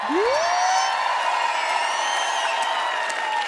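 A crowd applauds the lighting crew steadily with dense, sustained clapping, mixed with cheers and a rising whistle at the start, staying loud throughout.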